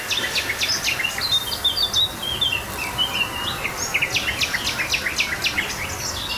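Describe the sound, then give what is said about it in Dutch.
Early morning along the Kooibomenpad in Werewiede National Park: a garden warbler, nightingale, blackcap and icterine warbler sing at once, a busy tangle of fluting phrases, rapid chirps and repeated trills, with a steady low outdoor background, someone hammering in the background and no voices. “fietsen 's morgens vroeg het kooibomenpad in Nationaal Park Werewiede en horen tuinfluiter, nachtegaal, zwartkop en spotvogel.”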